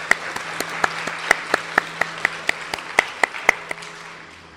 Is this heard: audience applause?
yes